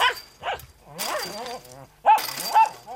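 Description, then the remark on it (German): A small dog, a poodle, barks at someone passing by its family house garden, repeatedly in short, sharp yaps with a few whiny, high-pitched bursts, fairly loud, with no talking. “Sobald jemand vorbeikommt, bellt er.”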